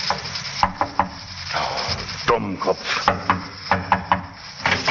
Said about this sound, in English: He got out of the taxi and, after looking about very carefully, knocked at the barber's door.